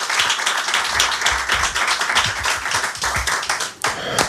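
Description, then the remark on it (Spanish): An audience breaks into steady applause for a guest, many hands clapping in a dense, continuous patter for several seconds, loud, with no one speaking. “Bien, pues un aplauso para él.”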